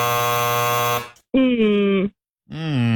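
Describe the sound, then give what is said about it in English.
A loud, harsh quiz-show time-up buzzer blares steadily for about a second, then cuts off, followed by a couple of short, voice-like tones with bending pitch. “That was before the buzzer, yeah, Steve.”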